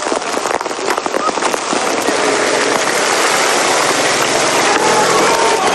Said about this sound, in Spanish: El sonido del granizo impacta.